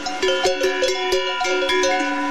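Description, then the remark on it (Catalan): Several cowbells hung on the necks of cows in the Pyrenean areas of Catalonia clank and ring in an overlapping, irregular rhythm, their metallic tones sustaining and layering into a steady, fairly loud jangle with no voices present. “Aquest és el soroll que fan les esquelles, la campana que es col·loca al coll de les vaques per saber on són en cada moment i evitar que s'escapi.”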